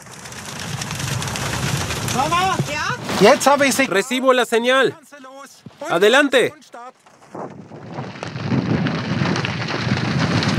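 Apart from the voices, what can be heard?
heavy rain falling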